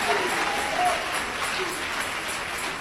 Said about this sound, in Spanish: Dale ese aplauso de alabanza a Jesús de Nazaret.